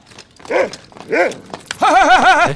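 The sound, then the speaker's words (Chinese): A large wolfdog being led on a lead lets out two short, loud barks a moment apart, then a longer wavering yowl-like bark, with no one talking. “牵个大狼狗晃晃悠悠的，你吓死我了！”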